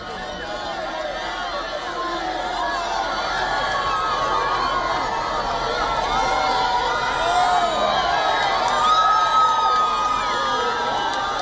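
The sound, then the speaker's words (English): A large crowd of faithful cheers and chatters continuously as the Pope pauses to bless children during a Mass on the Catholic feast of Corpus Domini, with many overlapping voices and excited shouts, including children's, forming a steady, loud roar that swells slightly toward the end. “The Pope also pauses to bless children, much to the joy of the cheering crowds.”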